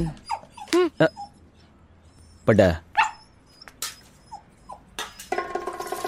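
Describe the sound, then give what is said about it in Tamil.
A dog that has had tea poured out for it whimpers and yips in a series of short, high-pitched cries, with a couple of louder bursts, mixed with background clatter and noise. “அட பாவிகளா, நாம் போட்ட டீ நாய்க்கா.”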